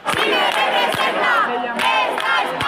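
A large protest crowd from the protest camp at Puerta del Sol chants slogans together in a loud, continuous roar of many voices, with rhythmic accents punctuating the chant roughly every second.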